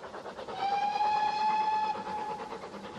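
A train rumbles and rattles along the tracks in a steady rhythmic clatter, while a long, high whistle sounds through the middle before fading, with no voices.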